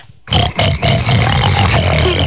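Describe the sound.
A person makes loud, rough pig noises with their voice, a short snort followed by a long, raspy oinking grunt that continues for about two seconds.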